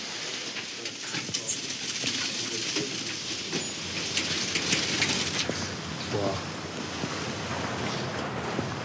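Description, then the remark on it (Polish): Scattered bird chirps and calls rise over a steady, rain-like hiss of rustling and flapping inside aviary number 13, which holds four thrushes, with no one speaking. “Woliera numer 13. Cztery drozdy.”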